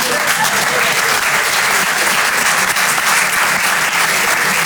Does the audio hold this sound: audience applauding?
yes